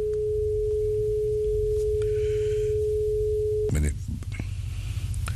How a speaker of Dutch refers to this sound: Maar ja, het begint aardig te lopen hoor. De telefoon die gaat al over.